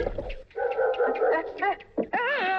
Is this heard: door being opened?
no